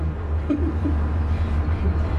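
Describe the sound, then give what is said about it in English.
A steady, deep mechanical hum and rumble from an orange line cable car cabin speeding up out of the station after passengers sit and the doors close, constant and fairly loud throughout, with faint rattles over the drone and no voices. “Everyone sits, the doors close. Seconds later, the car speeds up and out of the station.”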